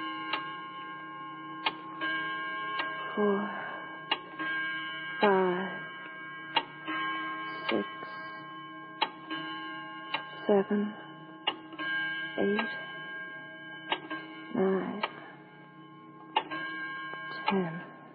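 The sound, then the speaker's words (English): A clock ticks in slow, steady beats, each tick sharp and distinct, over a constant electrical hum, with faint muffled voices surfacing briefly between the ticks. “I suggest Jean be permitted to forget about big business while we all concentrate on the clock, Mr.”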